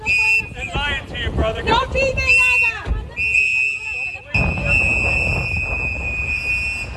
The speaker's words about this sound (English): The video shows masked agents placing a handcuffed man into a black SUV, the sound from activists blowing whistles and telling the man not to talk with the officers.